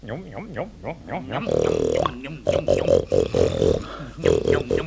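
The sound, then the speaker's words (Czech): A man bellows loudly in imitation of a red deer, a series of rough, drawn-out roaring calls, some short and rhythmic, others long and strained. “Pacient má představu, že je jelen.”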